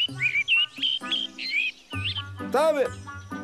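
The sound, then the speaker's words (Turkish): Birds chirp in quick, bright bursts, several short tweets and warbles, with a low hum underneath and a rising-falling whistled call near the end. “Şu kuşların güzelliği mesela.”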